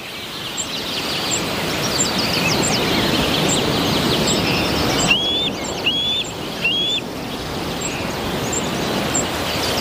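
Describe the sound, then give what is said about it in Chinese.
Bald eagle calls from an eagle perched on a branch: thin, high chirps repeat steadily over a constant rushing background noise, with three louder, sharply rising whistled notes midway through. No one speaks. “白头海雕正站在枝头俯瞰四周”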